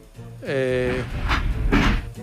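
A steam train lets out a steady, reedy whistle that dips slightly in pitch at the start, followed by two loud, hissing bursts of steam.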